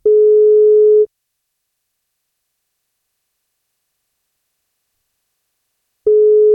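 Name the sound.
telephone ringing tone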